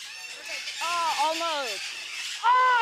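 A large bird that a woman is just learning to tame lets out harsh, wavering squawks: a long bending call, then a louder, sharper one at the end, over a steady background hiss.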